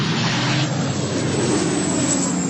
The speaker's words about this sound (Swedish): På bilder från Reuters ser man människor som har klivit ur sina bilar på en motorväg, som står och tittar på när vattenbombningsflyg släpper vatten en bit ifrån dem längs med motorvägen.